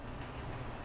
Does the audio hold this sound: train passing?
yes